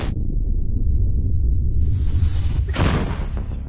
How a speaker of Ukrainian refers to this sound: Це гармата Д-20 152 калібру радянського зразка. Будинок вона може розібрати.